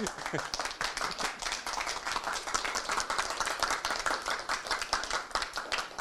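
A crowd applauds steadily for several seconds during a radio broadcast after a performance, a dense, even patter of many hands clapping at once, sustained at a moderate level without pause.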